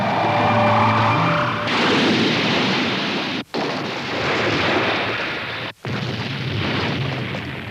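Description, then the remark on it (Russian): A loud crash landing of a flying house arriving in Capernaum: an engine-like whine gives way to a long roaring, rumbling barrage of impact noise, broken by two abrupt brief silences, with no voices. “Ни один летающий дом не приземляется лучше.”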